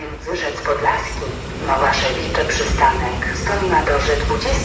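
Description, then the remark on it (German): An S-Bahn commuter train pulls into a station, its steady rumble and clatter mixed with faint metallic squealing tones, while people talk indistinctly. “So, die S-Bahn fährt jetzt gerade ein hier.”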